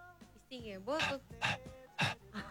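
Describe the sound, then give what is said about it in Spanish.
Someone imitates their small female dog panting because it was very hot: a short voiced whine, then a steady run of about four loud, breathy huffs at an even pace. “pero yo estaba imitando a mi perrita hoy a la noche que tenía mucho calor, ¿entendés?”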